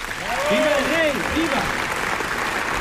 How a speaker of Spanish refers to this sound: Ovación cerrada para Alfonso XIII en este Palacio de las Cortes, lleno hasta la bandera. En cierta medida, los aplausos avientan la tensión propia de un evento de inapelable trascendencia como el que estamos viviendo